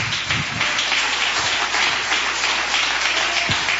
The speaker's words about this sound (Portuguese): E palmas de vitória para Jesus.